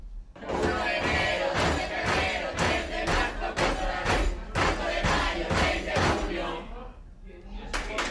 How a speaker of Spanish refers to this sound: Ese vídeo era el del 6 de junio en la cena, aporreando todos juntos la mesa y cantando.